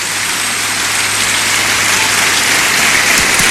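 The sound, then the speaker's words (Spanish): A large crowd in the State of Mexico applauds steadily for the president, a dense, hissing wash of many hands clapping at once that holds an even, loud level throughout with no voices on top. “Por ello, con todo el cariño y amor que le tenemos y respeto a nuestra presidenta, le enviamos un caluroso aplauso de este querido Estado de México.”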